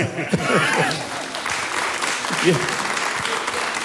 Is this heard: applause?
yes